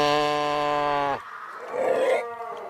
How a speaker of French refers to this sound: Et ça, ce qu'on entend, en fait, c'est des phoques qui se trouvent